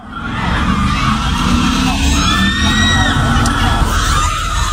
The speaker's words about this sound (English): And there's like, you know, the police line, do not cross. Mm-hmm. There's all these girls behind it and they're screaming how attractive he is.